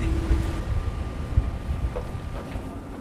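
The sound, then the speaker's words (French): A boat gradually gains speed across water as it prepares to lift off, its engine a steady low rumble under rushing wind and splashing spray, with brief thumps as the hull meets waves. No one speaks. “Le bateau qui peu à peu prend de la vitesse, on le sent, et qui se prépare à décoller.”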